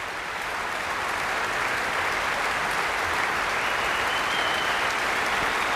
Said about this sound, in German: Und wollen sie gar nicht gehen lassen, habe ich das Gefühl. Jetzt kommt Paavo Järvi noch einmal herein und bittet alle aufzustehen. Viel Applaus.